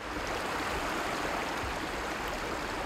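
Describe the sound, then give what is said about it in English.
River water of the Drava flows in a steady, unbroken rush below a steep wall of pale sand on its bank near the village of Delekovec, Croatia. It is a soft continuous wash that holds an even level throughout, with no voices or other sounds on top. “On a bank of the Drava River here in Croatia, a wall of pale sand rises steeply out of the water.”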